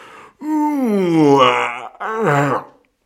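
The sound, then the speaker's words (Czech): A voice acts out a giant's huge, drawn-out yawn: a long, deep groaning stretch that swells and sinks, followed by a shorter second moan, loud, with no words. “Zívl obr, vstal a protáhl se.”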